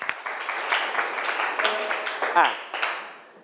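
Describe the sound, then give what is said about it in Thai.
A group of classmates applauds a student's correct answer in a steady burst of dense clapping lasting a few seconds, with a brief faint tone partway through, before the clapping tapers off at the end. “ถูกต้องนะครับปรบมือเพื่อนหน่อยครับ”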